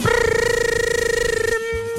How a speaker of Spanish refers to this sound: Un día cualquiera, una tarde de verano, suena un teléfono.